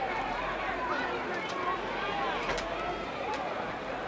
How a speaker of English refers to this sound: He walks over and the crowd, well, sort of mixed. Some cheering and some booing. That's usually the way you find a wrestling crowd.